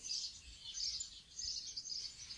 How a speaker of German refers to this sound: Die Vögel zwitschern hier in der abendlichen Sonne, Ecke Kastanienweg vor der Kirche von Döblitz.